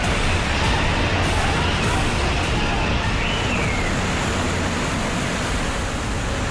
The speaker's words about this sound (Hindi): सबसे ज्यादा परेशानी बांदीपोरा और शोपिया में हुई, जहां फ्लैश फ्लड से हालात बिगड़ गए। कहीं पहाड़ टूट रहे हैं, कहीं बरसाती नाले बस्तियों के बीच बह रहे हैं।